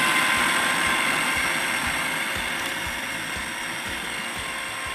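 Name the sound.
kitchen blender running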